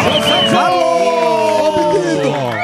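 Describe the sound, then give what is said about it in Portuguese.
Loud, sustained cheering from a TV show studio audience welcoming an audience guest, a restaurant owner from Campinas, with many overlapping voices whooping and shouting together in a steady roar for a few seconds. “Palmas para”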